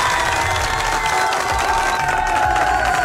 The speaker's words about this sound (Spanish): ¡Qué bonito! ¡Fuerte los aplausos!